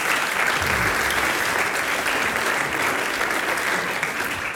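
An audience applauds itself after singing the last verse of a song, clapping steadily for the whole stretch: a dense, even wash of many hands with no voices standing out above it.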